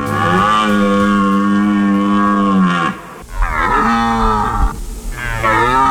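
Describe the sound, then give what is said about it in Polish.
A red deer stag roars on its rutting ground during the autumn rut in the Tatra Mountains: a long, loud, deep bellow with rich harmonics, followed by two shorter guttural roars after a brief pause. “Niedźwiedzie, no nie ryczą o tej porze roku, raczej wypasają się, a teraz jelenie mają swoje gody i samce jelenia ryczy na rakowisku, przywołując samice i odganiając konkurencję.”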